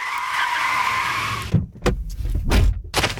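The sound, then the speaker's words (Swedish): Tires screech in a long, loud skid for about a second and a half, followed by a burst of engine roars, thumps and rushing vehicle noise in an intense car chase at an intersection. “Jackson sticker därför av och löper väck från bilen mitt i ett lyskryss och en intens biljakt följer”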